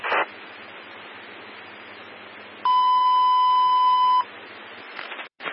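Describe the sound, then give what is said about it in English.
A single steady electronic alarm beep sounds for about a second and a half, loud and clear over a constant background hiss, with no talking. The alarm had been replaced less than a week earlier. “Said that she had her alarm replaced by Mason less than a week ago, so we're just going to check it out.”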